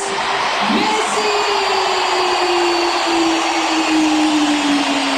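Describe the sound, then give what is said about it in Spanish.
A huge stadium crowd roars in a sustained ovation for Lionel Andrés, Argentina's number 10, captain and national team all-time top scorer, after the stadium announcer names him: a dense, unbroken wall of cheering that stays loud throughout, with a faint steady tone humming underneath. “Impresionante ovación para Lionel, para el jugador de todos los tiempos, para el que vistió 20 años esta camiseta, para el que dejó un legado.”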